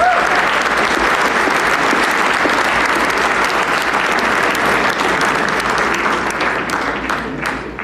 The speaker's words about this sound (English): But before we do that, let's give him another huge round of applause.